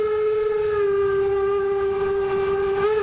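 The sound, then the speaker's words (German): Steam locomotive 99 7234-0 blows its whistle in one long, steady, pitched tone over the continuous rumble and chuff of the running engine and rolling wagons, heard from the platform of the first wagon behind the locomotive, loud throughout, with no talking. “Wir stehen hier einen Meter auf der Plattform vom ersten Waggon hinter der 99, 7, 2, 3, 4.”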